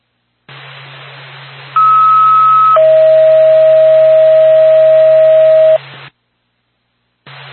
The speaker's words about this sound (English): Pack Whitefield ambulance, stand by for tone.